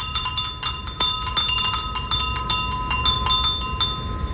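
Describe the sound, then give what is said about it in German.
Japanese furin wind chimes, small wind chimes used in Japan during hot weather, tinkle in an irregular cluster of bright, high glassy strikes. Overlapping rings sustain against a soft low rumble, with no voices. “In Japan setzt man bei Hitze auf Furin-Sound. Das sind kleine Windspiele, die angeblich für ein kühleres Gefühl sorgen sollen.”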